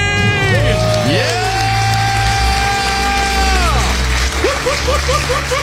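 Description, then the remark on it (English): A loud crowd cheers and whoops, with long sustained yells gliding up and down, then a burst of short, rapid whoops near the end, all energetic. “The crowd goes yeah. wild.”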